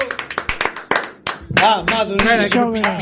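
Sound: applause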